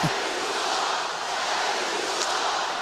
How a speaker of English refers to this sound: Crowd here unhappy with the officials.